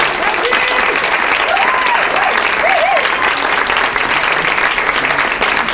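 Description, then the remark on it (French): Sustained audience applause at La Turbine for the Campus FM team behind the show Le Petit Bureau fills the whole stretch, a dense, steady roar of many hands clapping at constant loudness, with a few faint voices and whoops rising briefly above it. “Merci à vous, vous les applaudissez.”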